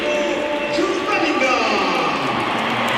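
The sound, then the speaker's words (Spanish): A large stadium crowd applauds Bellingham as he comes on as a Real Madrid substitute, a dense, steady wash of clapping and crowd roar that holds at the same loud level for about three seconds. “Aplausos para Bellingham y ahora vamos a escuchar la ovación que se va a llevar Carvajal porque sale por tren Alexander-Arnold.”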